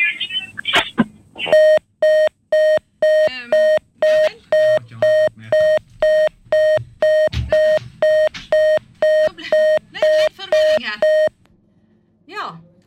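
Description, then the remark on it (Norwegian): A steady series of about twenty short, identical electronic beeps repeats at a quick, even pace, a telephone line tone after a dropped call, with people talking faintly underneath. “Det var et eller annet krøll med hinna sin linje også.”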